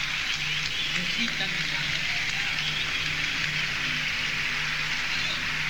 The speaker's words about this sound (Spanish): Un aplauso muy grande para Corbani, para José Luis Micheli, para la vieja Aníbal Barrios.